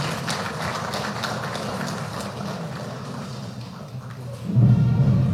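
An audience claps at the presentation of an award to the Municipal Council of Sinaota, in a dense, crackling wash of applause that carries on for several seconds, with a deeper rumble swelling louder near the end.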